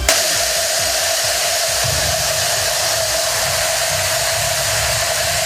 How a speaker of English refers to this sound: Yeah, I don't know if you can even tell it's a cowbell, but that's what almost 42,000 cowbells actually sound like all one together.